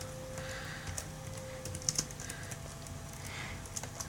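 Soft, irregular clicks of typing on a computer keyboard, a quick scattered run of keystrokes, with a faint hum underneath and no one speaking.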